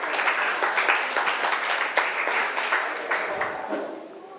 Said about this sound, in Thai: ขอบคุณครับปรบมือให้พรีเซนเตอร์สุดหล่อ